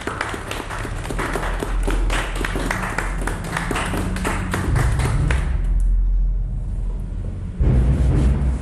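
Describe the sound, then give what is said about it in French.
A group applauds with dense, steady clapping for several seconds, then the clapping fades out, leaving a low rumbling background with a few dull thuds. “Ils applaudissent tous”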